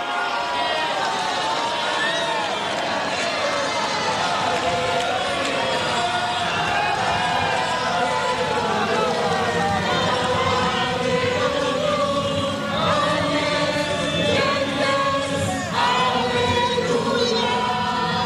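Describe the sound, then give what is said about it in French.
A large crowd at Notre-Dame de Paris cathedral cheers and shouts with joy as Pope Leo XIV comes down from the podium after solemn vespers and moves toward them. A dense, continuous roar of many voices stays loud throughout, with individual cries rising out of the din. “Et puis il va s'avancer vers la foule qui évidemment crie sa joie.”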